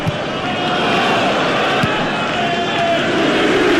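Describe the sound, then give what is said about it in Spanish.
A football stadium crowd at a Fulham home match against Crystal Palace boos the visiting side in a loud, sustained roar, with long drawn-out tones swelling over the constant din of thousands of voices for the whole stretch. “Escuchen ustedes el abucheo, ¿eh?”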